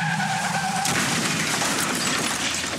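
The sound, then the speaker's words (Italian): A car's tires screech loudly in a sustained, tonal squeal as it skids in a crash, then give way to a harsh rushing noise that fills the rest of the few seconds, intense, with no voices. “Continua dritto verso un incidente mortale.”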